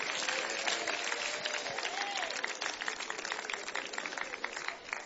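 A church audience applauds loudly and steadily for Jesus, welcoming a singer who is about to sing a hymn while offerings are collected. It is a dense wash of many hands clapping at once, with a faint voice or cheer rising briefly through the noise.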